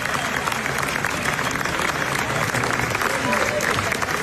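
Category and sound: crowd, applause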